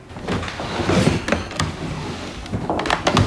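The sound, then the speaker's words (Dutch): A heavy wooden drawer of an old architect's cabinet, packed full of hair, scrapes and rumbles as it slides open, with a few knocks and clatters along the way, fairly loud, no voices. “En ik mocht eens in zijn lade gaan snuffelen.”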